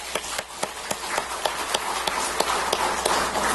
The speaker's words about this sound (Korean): 그 자녀들을 가르친 우리 유치부 초등부 교사들이 오늘 이 자리에 앉아 있습니다. 우리 감사의 박수 한번 하겠습니다.